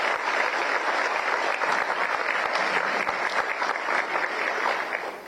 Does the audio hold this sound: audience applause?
yes